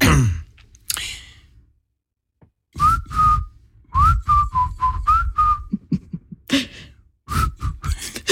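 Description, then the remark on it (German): Someone whistles a short pop song melody, the clear notes gliding through a few melodic phrases between audible breaths and soft huffs of laughter. “Und kannst du eigentlich so gut pfeifen wie …?”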